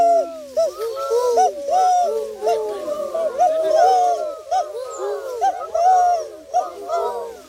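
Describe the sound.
A human voice imitates a turtle dove's call, a steady run of low, rolling, purring coos repeated for several seconds with only brief gaps.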